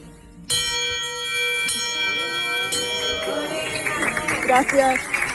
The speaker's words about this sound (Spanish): Tengo el alta completa ya. Ahora puedo tocar la campana, que la voy a buscar, porque ya no tengo que volver aquí. Nunca más. Bueno, espero que nunca más. Pero es tan emocionante. Tan emocionante que voy a tocar la campana 3 veces.